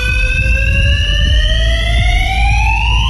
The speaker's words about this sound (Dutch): Al wekenlang? Wekenlang. Een brandalarm, zoals je hoort. Gemeente zegt tegen Omroep Flevoland dat het komt door hangjongeren die drinken in die garage, luisteren daar naar harde muziek.